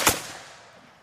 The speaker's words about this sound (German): Das Pulver, das schüttest du von oben in den Lauf und dann spannst du die Muskete und dann gibt's ein Kommando, anlegen, schießen und dann feuerst du diese Muskete ab.